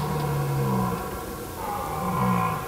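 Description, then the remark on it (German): A red deer stag bellows twice in the German wilderness, deep drawn-out roars with a pause between them, loud against a steady outdoor background. “Und da ist er. Jetzt riecht er weg.”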